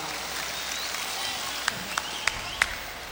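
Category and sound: crowd, audience applause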